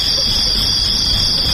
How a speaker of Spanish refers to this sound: Aparte de los grillos, ¿eh? Sí, esos me cuentan. Estaban ahí.